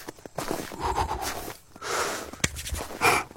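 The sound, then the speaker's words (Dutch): A person imitating footsteps crunching through snow: about three rough, hissing crunches at a slow walking pace, with small clicks in between and no talking. “Ik dacht, ik doe eens het geluid van lopen door de sneeuw.”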